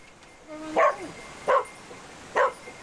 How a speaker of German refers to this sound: Bellen bedeutet, dass der Hund jetzt hier eine Person wahrgenommen hat und dementsprechend hier jetzt auch die stärkste Witterung austritt und dementsprechend der Hund hier jetzt anzeigt, dass eben hier eine Person ist.